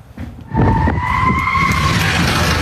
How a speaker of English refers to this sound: Screeching through Brendale Road... An allegedly stolen Range Rover, its front bumpers hanging, its tyres down to their rims.